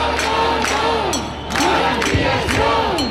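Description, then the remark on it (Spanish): A large protest crowd chants in unison, loud and steady, the shouted phrase repeating in a strong rhythm with sharp accents about twice a second over a continuous roar of voices. “Este ha sido el grito que se ha repetido en una manifestación a la que han asistido 5.500 personas, según la Guardia Urbana, 30.000 según los organizadores.”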